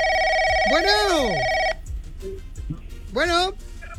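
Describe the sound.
An electronic telephone ring sounds steadily for under two seconds and then cuts off, with a swooping vocal sound over it and another brief swooping voice near the end.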